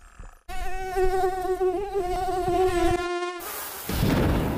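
A steady mosquito whine drones for about three seconds, its pitch wavering slightly, then cuts off and gives way to a rushing hiss; mosquitoes spreading dengue fever in the Indonesian city of Semarang.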